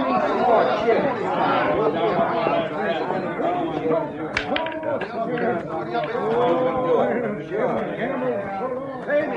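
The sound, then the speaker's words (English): Dense, overlapping crowd chatter in a gambling hall with a bar fills the whole stretch, many voices talking at once at a steady, lively level, with a brief sharp clack cutting through midway and no single voice standing out. “Some crowd, huh?”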